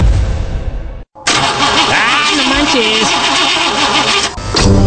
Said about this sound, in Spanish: ¡No manches! Le acabo de poner los sellos al motor, le cambié bujías y ya no quiere jalar. Ay, mi amor, sellos más corrientes que los que traes en los chones.